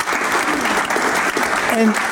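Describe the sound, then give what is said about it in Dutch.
Steady, dense applause from an audience welcoming a professor fills the whole stretch, a warm continuous clatter of many hands at an even loudness, with a brief voice-like tone near the end. “Dus mag ik wel even een warm applaus voor professor”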